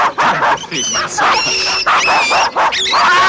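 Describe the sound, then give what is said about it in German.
A dog yips and barks in quick, high-pitched bursts, loud, with whiny tones running through the whole short stretch, as it gets itself tangled up. “Jetzt hat sich der Hund eingewickelt.”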